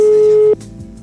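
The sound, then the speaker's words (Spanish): A telephone ringing tone: one loud, steady mid-pitched beep lasting about half a second, then cutting off abruptly into a faint background hum. “Luego el tono, si no atiende.”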